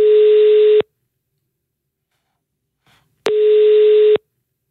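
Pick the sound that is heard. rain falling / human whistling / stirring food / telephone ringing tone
telephone ringing tone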